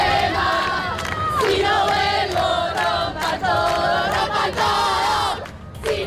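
A large crowd of feminist protesters in Argentina chants loudly in unison at a Ni Una Menos march against gender violence, many voices rising and falling together in a steady rhythmic cadence, with brief pauses between shouted phrases and a dense roar filling the background.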